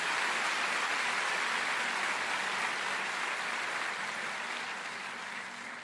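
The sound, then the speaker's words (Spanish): An audience at a Spanish-language church sermon claps steadily together as applause for God, a dense, continuous wash of applause that stays full and even before gradually easing slightly toward the end. “Dele un aplauso a Dios si está entendiendo la palabra.”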